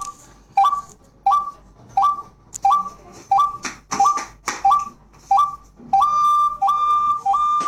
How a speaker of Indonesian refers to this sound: Pemburu membunyikan seruling dengan sabar beberapa waktu hingga seekor burung akan datang.